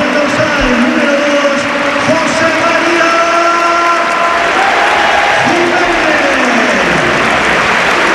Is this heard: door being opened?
no